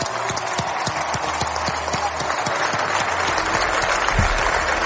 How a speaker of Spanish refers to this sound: queríamos acordarnos de hoy, como han dicho, una personita muy especial, que es María, que nos dejó hace poco, y queríamos acordarnos de ella, así que un fuerte aplauso para María, que está viéndonos desde arriba.